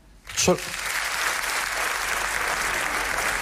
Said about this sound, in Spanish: Para el siguiente tema nos gustaría hacer un sondeo. ¿Podría aplaudir solamente la gente que sea autónoma?